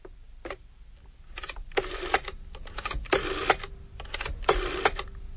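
A rotary telephone dial is turned several times to dial three ones, each spin a whirring mechanical burst of rapid clicks returning, separated by short pauses, with no voices.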